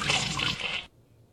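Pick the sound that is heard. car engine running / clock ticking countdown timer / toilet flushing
toilet flushing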